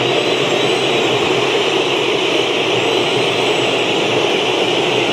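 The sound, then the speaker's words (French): The Olympique de Marseille supporters' block in a stadium whistles in a loud, unbroken roar, a dense wash of shrill, high-pitched tones that holds steady throughout with no pauses and no voices standing out. “Écoutez ces sifflets.”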